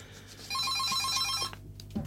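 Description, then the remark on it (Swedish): A telephone on the call-in request line of Skånepartiet Malmös närradio rings with a rapid, trilling electronic warble for about a second, fairly loud, then cuts off abruptly, leaving a low background hum. “Ja, tack för det beviset att telefonlinjen fungerar.”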